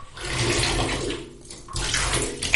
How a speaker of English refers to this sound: All right, now pouring in some bubble bath.